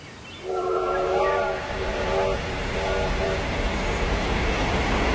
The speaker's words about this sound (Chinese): 清晨，林园火车站里熙熙攘攘，刚刚停在车站的列车的火车头正在不停地向外冒着蒸汽。